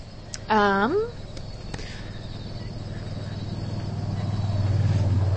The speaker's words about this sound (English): Ooh, this is an urban swamp. We got cars coming by.